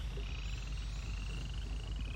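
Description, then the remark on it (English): A dense chorus of hundreds, probably thousands, of frogs croaks and trills steadily throughout, a continuous pulsing drone layered over a heavy low rumble, with no voices present. “A bunch of frogs.”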